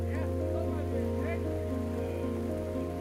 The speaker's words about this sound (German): Und dann endlich Abkühlung. Es fängt an zu regnen. Ein Gewitter.